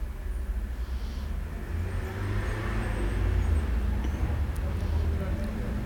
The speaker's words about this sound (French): Des voitures qui viennent de la rue du Fou.